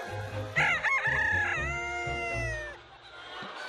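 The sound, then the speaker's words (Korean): A Baekbong Ogolgye rooster, a silky fowl breed with black skin, meat and bones, lets out a long, loud crow with a rising then sustained harmonic call while the flock roams a dirt yard, low chicken clucks murmuring steadily underneath throughout. “닭들이 마당을 노니는 사이 비어있는 축사 바닥을 긁어내고 있는 작업자들.”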